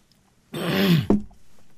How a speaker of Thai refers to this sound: ขออภัยนะฮะขออนุญาตจิบน้ำอุ่นนิดนึง